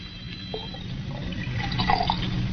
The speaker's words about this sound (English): Oh, then... Pour it back into the decanter. You heard me. Pour it back into the decanter.